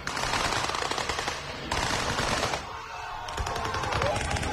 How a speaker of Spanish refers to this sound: Bueno, pues van por ahí los tiros, nunca mejor dicho, realmente.